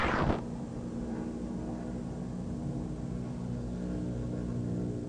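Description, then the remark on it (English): A NASCAR Cup Series stock car, Joey Logano's orange and blue Auto Trader Ford, drones steadily on the track at Daytona during qualifying for the Coke Zero Sugar 400, a low, throaty roar with a constant pitch that holds for several seconds after a brief sharp burst at the start. No one speaks. “First of the final 10 cars is on the racetrack.”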